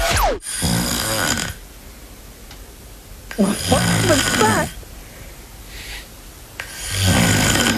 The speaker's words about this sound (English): That is the sound of … sleeping.